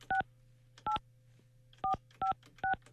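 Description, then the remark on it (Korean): Six short, clear telephone keypad tones beep in an uneven rhythm as a phone call to a viewer is dialed, each a crisp dual-pitch blip, with a steady low hum running underneath and no talking. “이제는 가능하다고 하시니까 전화 걸어볼게요.”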